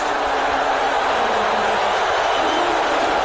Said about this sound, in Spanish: Esto es un abucheo en el Madison Square Garden.